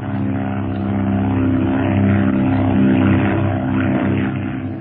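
A propeller aircraft engine drones steadily and loudly throughout, a continuous low, harmonic hum with a slight swell in the middle, heard from inside the plane as it flies through clouds and climbs.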